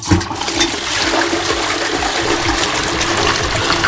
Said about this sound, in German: Ich muss ja der Klospülung sein. Das ist 100% korrekt.